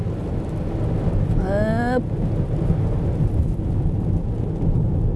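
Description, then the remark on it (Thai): A steady, dense hiss of rain mixed with snow in foggy winter weather over a deep continuous rumble, unbroken throughout, with a brief rising tonal whine early on. “ฝนผสมหิมะผสมหมอกทีอินวันสะใจไปเลยครบสูตรฤดูหนาว”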